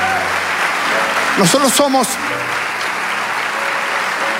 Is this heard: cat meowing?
no